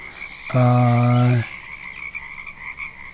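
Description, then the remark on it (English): A single loud frog croak lasts about a second, a deep buzzy call, over a steady high-pitched background drone of insects or birds that continues after it stops. “Yeah, I hear those birds chirping.”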